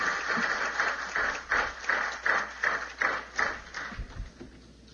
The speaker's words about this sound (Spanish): Un aplauso fuerte y nos podemos sentar.